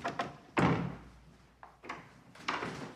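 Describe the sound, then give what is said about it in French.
The door of a magazine's offices in a brand-new building swings shut as visitors enter, with a solid thud, followed by a few lighter clunks and rattles of the latch, moderately loud, with no talking. “On passe le pas de la porte de la revue Christus du magazine.”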